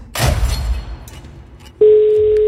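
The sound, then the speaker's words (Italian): After a brief burst of loud, noisy clatter, a steady telephone ringing tone cuts in abruptly and holds loud and unbroken until the end, the first of up to five rings of an outgoing call during a game. No one speaks. “5 squille a disposizione, dovete rispondere con ottenete. Primo squillo.”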